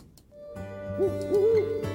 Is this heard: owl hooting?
yes